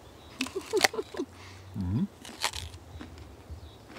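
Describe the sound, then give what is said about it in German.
Someone bites into a crisp peach with a yellow base colour to test its ripeness, with a sharp crunchy snap followed by a few wet chewing crackles and a brief low murmur, then quieter chewing. “Ich denke, wir müssen mal so eine kleine Probe machen, mal einfach mal reinbeißen.”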